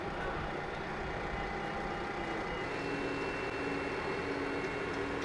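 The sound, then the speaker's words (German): A heavy carnival float weighing 15 Zentner rumbles steadily as it slowly moves out of its hall in Putignano, its engine drone filling the space with a constant low roar and a faint tonal whine, no voices. “Aber dafür muss der 15 Zentner schwere Wagen erstmal die Halle verlassen.”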